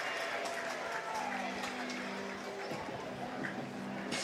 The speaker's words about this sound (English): So he'll get a round of applause here from the Scrapper fans.